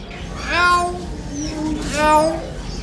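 A parrot named Jaco mimics a cat's meow twice, two drawn-out, whiny calls with a short pause between them, fairly loud against a faint background hum.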